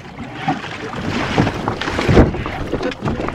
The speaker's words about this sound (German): Dann, mit kräftigen Ruderschlägen, erreichten sie eine der Baumwurzeln, die sich verborgen zwischen den Anlegestegen durch das Wasser schlängelten.